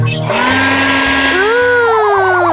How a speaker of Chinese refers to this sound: 小优知道了。呀，吹风机。